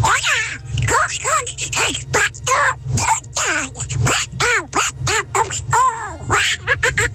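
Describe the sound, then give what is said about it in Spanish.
A person imitates Donald Duck's voice, rattling off a fast, buzzy stream of quacking, garbled syllables for several seconds, loud and nearly continuous. “Tropicana, mi talento es hablar como el Pato Donald.”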